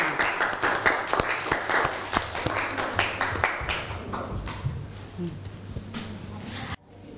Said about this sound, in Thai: ขอเสียงปรบมือให้ตัวแทนนักเรียนค่ะ